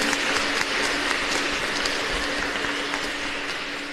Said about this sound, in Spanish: Aplauso a los padres que están presentes.